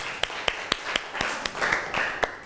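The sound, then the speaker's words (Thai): Classroom clapping as students applaud group 5 before it presents the results of its activity: about ten sharp, evenly spaced claps at a brisk steady rhythm, moderately loud, with a soft wash of scattered clapping between the main beats. “เราลองมารับฟังนะคะการนำเสนอผลงานหรือผลการทำกิจกรรมของกลุ่มที่5เลยค่ะเอาปรบมือให้เพื่อนของเราหน่อยค่ะ”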